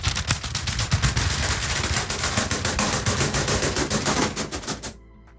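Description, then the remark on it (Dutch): Pigeon wings flap in a fast, dense burst of dry, papery beats for about five seconds, loud and steady, then stop abruptly, leaving a faint hush. No one speaks. “En dan hoor je ze echt zo voorbij komen. En dan gaan die vleugels die gaan dan wapperen.”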